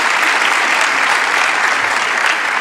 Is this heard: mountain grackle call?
no